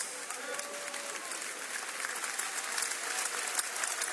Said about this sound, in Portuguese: Podeis assentar e dar uma salva de palmas.